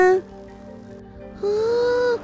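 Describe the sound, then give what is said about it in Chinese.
A bicycle bell rings twice, a short burst and then a longer sustained ring with a bright, shimmering metallic tone, as a delivery man rides his bicycle past along a street. No one speaks over it. “你听，有人从街道上传来这个声音呢，而且有人骑脚踏车经过，再按脚踏车的铃声。”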